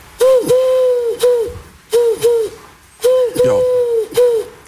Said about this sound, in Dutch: Een uil, zeker? Een uil. Ja, ik ken niet. Iemand? Dat is toch een duif, hè, of niet? Een duif? Ja. Een duif.